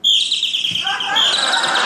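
A loud burst of high, rapid bird-like chirping and twittering, dense and continuous for the whole moment, with overlapping trills and no pauses.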